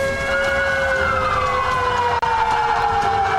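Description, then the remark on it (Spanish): A loud, steady siren wails continuously, signaling the start of an earthquake drill at the Congress of the Republic of Peru, heard in front of the Víctor Raúl Haya de la Torre building. Its tone slowly slides downward, with a faint hum of traffic beneath and no voices. “Estamos escuchando ya las sirenas, lo que nos indica que este simulacro de sismo ya se ha iniciado aquí en el Congreso de la República”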